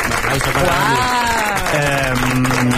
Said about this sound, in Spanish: Un aplauso, por favor.